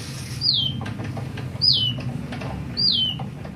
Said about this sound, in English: That is a fake bird that's been heard around the world at this point. Molly, who, as you heard, originated here in Seattle. The artist's name is Bliss Kolb.